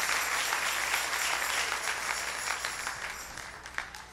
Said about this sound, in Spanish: Dale ese aplauso al Rey en esta linda mañana.